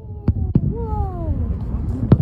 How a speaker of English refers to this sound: Last night, fireworks. You gotta watch fireworks with kids because nothing impresses them more than seeing those explosions in the sky.